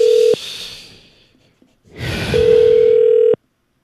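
A telephone ringback tone of an outgoing call placed from the Far East Broadcasting follow-up center: a steady mid-pitched hum that cuts off briefly, then returns for about a second over a rush of line hiss before stopping abruptly.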